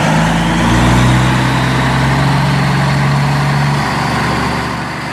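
A heavy truck engine runs steadily, a deep rumbling idle with a droning low hum that holds for several seconds before easing slightly at the end.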